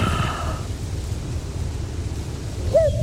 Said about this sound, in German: Ah, Kuckuck